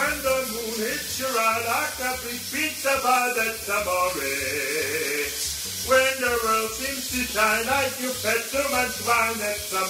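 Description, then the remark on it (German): A shower runs at home in the morning as a steady, soft hiss of falling water while a voice sings a wavering melody over it, continuously for the whole stretch. “Hier eine kleine Aufnahme von heute Morgen bei mir unter der Dusche.”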